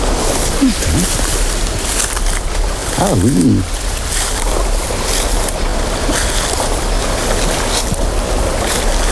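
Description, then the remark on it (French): Water in a small stream rushes and splashes steadily in a continuous broad wash, with a person briefly speaking a couple of words partway through. “Dans le petit ruisseau.”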